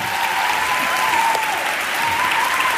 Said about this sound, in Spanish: Estáis aplaudiendo. Aplaudís a un muchacho que hace el intermitente.